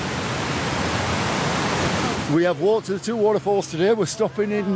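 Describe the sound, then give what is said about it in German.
A dense, steady roar of the High Force waterfall in England, one of the country's largest, where the water falls 21 metres vertically, fills the first couple of seconds, then fades low as a person begins speaking. “Das kräftige Rauschen kündigt ihn an, den Wasserfall High Force, der zu den größten Englands zählt.”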